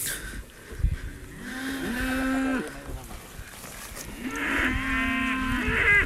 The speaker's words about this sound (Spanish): Y el ganadero está con el saco dándole de comer ahora mismo, justamente, casi con la mano. Tenemos la vaca justamente al lado. Estamos justo al lado de la vaca. Está comiendo.